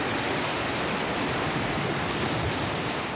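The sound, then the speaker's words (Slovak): A stormy sea roars with a dense, steady wash of huge crashing waves, loud, filling the whole stretch without pause and with no voices present. “V okamihu sa strhla strašná búrka. Obrovské vlny stiahli Ježibabu do mora”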